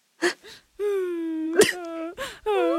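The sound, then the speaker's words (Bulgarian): A person at an office desk whimpers softly in long, drawn-out whining tones that waver slightly in pitch, broken up by short breathy, sniffly bursts in between. “Леко скоблъчене и леко хленчене.”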